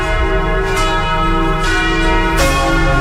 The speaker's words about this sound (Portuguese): 12:46 em Jequié. Preste atenção, aumenta o volume do rádio. Vamos ouvir os sinos.